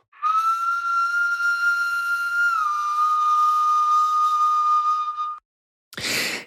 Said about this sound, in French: 46 000 ans, 60 000 ans, en tout cas, c'est plusieurs dizaines de milliers d'années. C'est une flûte slovène qui a été trouvée à Dioulé, Babé, et on écoute ce très vieil instrument.